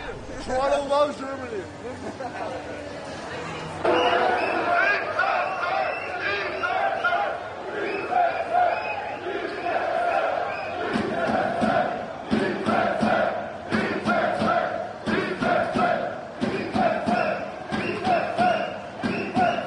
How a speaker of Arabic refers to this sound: إليكم جزء من فرحة الجماهير الألمانية مباشرة بعد مغادرة ملعب تورنتو.